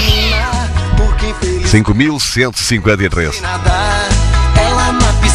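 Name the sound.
cat meowing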